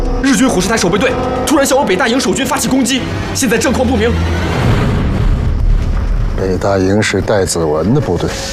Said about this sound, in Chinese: 北大营有炮声传来，会不会是日本人打过来了？